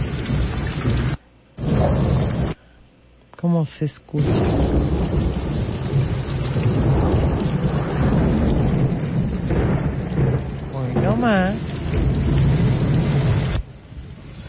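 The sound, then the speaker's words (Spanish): A thunderstorm in Galveston with steady, heavy rain and deep rolling thunder rumbling throughout, loud. A person speaks briefly a couple of times over the storm. “Truenos, relámpagos y rayos, ¿eh?”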